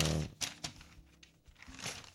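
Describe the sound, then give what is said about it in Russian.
Newspaper pages being turned while someone reads through the paper: a few soft papery swishes and rustles at irregular intervals, quiet and unhurried, with a faint low hum in the background. “Листаю дальше.”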